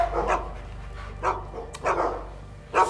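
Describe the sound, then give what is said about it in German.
Several dogs, including London and Vienna, nervous because the dog sitter is coming, bark in short, repeated bursts, some overlapping, moderately loud, with no one talking. “Die sind so nervös, weil der Hundesitter kommt.”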